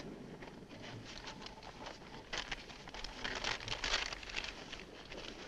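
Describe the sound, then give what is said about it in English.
Paper crinkles and rustles as a large map is unfolded and spread out on the hood of a car, with crisp crackling bursts swelling toward the middle, fairly quiet, with no talking. “Spread the map out on the hood.”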